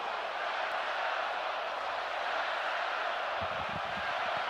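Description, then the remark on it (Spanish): A large stadium crowd roars, cheers and chants "No están solos" in support of Venezuela, a steady, dense wash of voices that holds without pause, with a few low thumps near the end. “Bien a las gradas que gritan, no están solos a Venezuela.”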